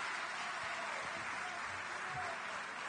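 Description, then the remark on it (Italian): Steady audience applause for a lower secondary school teacher from the province of Bari being called up, a dense crackle of many hands clapping at once that holds at an even level for the whole stretch, with no one talking over it. “quindi un supplemento di applauso perché è barese, pugliese insieme a noi.”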